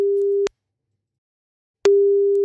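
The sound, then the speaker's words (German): A telephone ringback tone while a call is placed: a steady, clear single-pitched tone sounds, falls silent for over a second, then starts again, with no one talking. “Ich tippe die Nummer mal eben ein und dann hoffen wir mal, dass er auch ans Telefon geht, denn das ist, wie sagen wir immer so schön, Grundvoraussetzung.”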